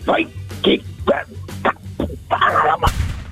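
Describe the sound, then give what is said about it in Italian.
A person imitates a dog barking with a rapid series of short, sharp woofs, about seven in a row, delivered loud over a low steady hum. “Vai …, fai bau bau.”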